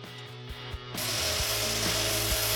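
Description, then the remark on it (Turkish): A power sander starts up against metal, sanding the edges of a sheet metal panel to expose bare metal before welding, shifting from a lower motor hum to a loud, steady, gritty abrasive hiss that continues unbroken with no voices. “Kaynaktan önce çıplak sacı açığa çıkarmak için kenarları zımparalıyorum.”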